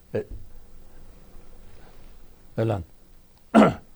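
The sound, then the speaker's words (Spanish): Sharp, explosive sneezes break a quiet stretch: a brief one at the start, then two louder ones close together near the end, the final one the strongest and harshest. “No, fue un estornudo, aquí tengo mi Kleenex, ¿sí?”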